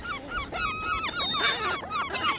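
A dense chorus of gulls calling on the island of Hiddensee, many harsh, overlapping squawks and cries crowding together without pause, fairly loud, with no voices.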